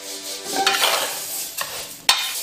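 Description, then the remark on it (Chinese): Glutinous rice and long-grain fragrant rice, mixed 1:1 with star anise, bay leaves, cinnamon and Sichuan peppercorns, dry-frying in a wok over low heat until golden, a steady dry rustle of grains with a few sharp spatula scrapes against the metal, moderately loud, with no talking. “不要着急，小火，耐心照顾到每一个米粒，直到小米粒们变得焦黄。”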